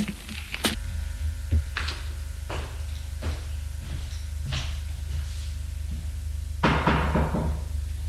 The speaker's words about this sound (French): il va frapper à la porte de sa chambre.